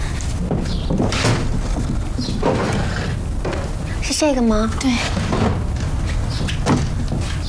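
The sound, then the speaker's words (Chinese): A cabinet drawer holding a handkerchief bundle slides open with a brief squeak and is pushed shut amid shuffling and light clatter as the bundle is fetched, while a couple of people exchange a few quiet words. “那个柜子的抽屉里有一个手绢包。你给我拿来行吗？”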